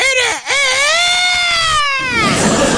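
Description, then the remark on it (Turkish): A person imitates a rooster, the famous symbol of Denizli, crowing with their voice: one loud, drawn-out cock-a-doodle-doo that starts with a short rising note, then holds a long, strained tone before trailing off. “O zaman şimdi bir horoz gibi ötüyoruz.”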